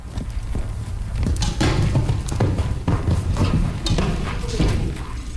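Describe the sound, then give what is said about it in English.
Hooves of a cantering horse pound in a steady, rolling rhythm of heavy thuds over a constant low rumble, with no voices. “The difficulty is reloading on a cantering horse and shooting from a cantering horse.”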